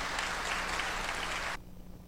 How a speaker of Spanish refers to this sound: También a los muy fieles que nunca faltan, los hermanos de Sacha, vamos a dar un fuerte aplauso. A los hermanos de Cuenca también le damos un fuerte aplauso.